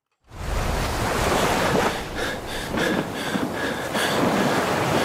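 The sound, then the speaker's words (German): A steady roar of ocean waves washes continuously throughout, broad and rushing, with a few faint higher tones drifting in midway, around a yellow rubber boat on the open sea with nothing but water all around. No one speaks. “Ein Mensch gefangen in einem gelben Gummiboot, rundherum nichts als Wasser.”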